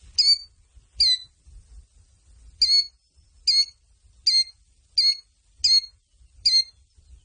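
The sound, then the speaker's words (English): A killdeer calls repeatedly, sharp high-pitched notes repeated about every second, loud and clear over a faint low rumble in the background, with no talking. “Karen saying it's a killdeer”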